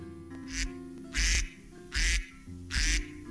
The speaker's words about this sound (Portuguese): Meu amigo Pato.